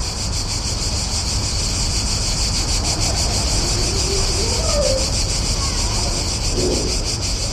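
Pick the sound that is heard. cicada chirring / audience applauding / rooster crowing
cicada chirring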